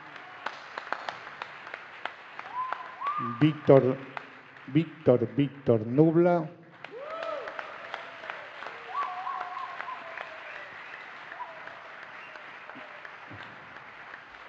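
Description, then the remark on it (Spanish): A crowd applauds steadily throughout with dense, crackling clapping, while a man's voice speaks over it partway through before the clapping carries on alone. “Un aplauso para él.”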